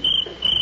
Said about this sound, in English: Ooh. I'll fix that cricket. Scat! Shoo! Beat it! There. I scared him away.